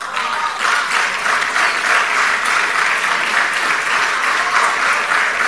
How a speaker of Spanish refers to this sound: No era para que aplaudieran, pero bueno.